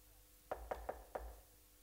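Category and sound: impact, knocking on a door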